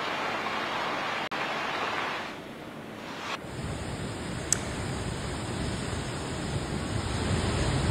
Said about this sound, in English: Switching tracks, getting you visuals from Dehradun. There you see heavy rain lashing and resulting in waterlogging in several areas. The IMD has issued flash flood warning for Dehradun.